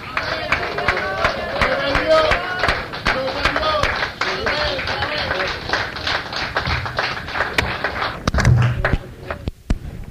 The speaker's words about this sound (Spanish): Gloria a Dios, qué bonito, ven, entrando y sanando, más aplausos a nuestro rey, hermanos, él está aquí, gloria a Dios, gloria a Dios.